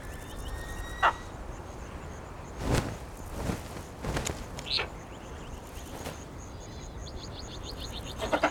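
A white-tailed sea eagle calls, giving a few sharp, scattered yelps and then a rapid run of high chattering notes near the end, over quiet outdoor ambience with occasional dull thumps.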